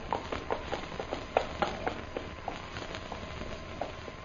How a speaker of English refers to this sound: Tuan Jim, look. Horse come there.